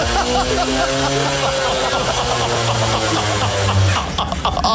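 A small two-stroke moped engine drones steadily, its pitch holding level before rising and then cutting off near the end, with a busy background of voices and noise. Mopeds ridden in laps in a studio, with Koen Wijn riding laps.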